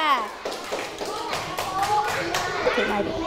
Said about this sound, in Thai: สวยไหมคะเด็กๆสวยมากเลยขอเสียงปรบมือ